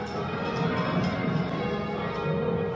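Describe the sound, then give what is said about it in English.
Six church bells at All Saints Cathedral in Bathurst ring reverse rounds during a practice session, each bell striking in turn in a steady sequence, with overlapping resonant tones filling the air continuously. “Reverse rounds here.”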